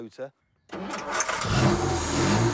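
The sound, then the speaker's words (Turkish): A brief voice, then a pause before a carbureted car engine, with E-type heads and a 2-inch SU carburettor exhaust, starts with a cough and swells into a loud, throaty rev that stays high and rough to the end. “Kaputu açtığınızda tam görmek isteyeceğiniz bir motoru var.”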